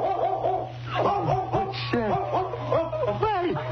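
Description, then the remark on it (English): A mother dog of newborn pups barks over and over in quick, high-pitched yips and whining barks, loud and insistent throughout, with a steady low hum underneath and no one speaking. “It's the mother dog. She followed us.”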